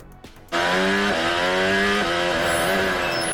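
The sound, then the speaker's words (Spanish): A Formula 1 car engine roars in Madrid, the first time in 45 years, on the new Madrid circuit during Grand Prix practice. It comes in abruptly and holds a loud, high-pitched whine, its pitch climbing and dropping back with each gear shift across a few seconds. “Y hacía 45 años, nada más y nada menos, que Madrid no escuchaba este rugido.”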